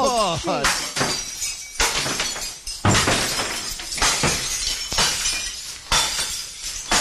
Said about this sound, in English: Get to the crockery room, mate. It's good crockery. I want to hear some smashing in there. Okay, here we go.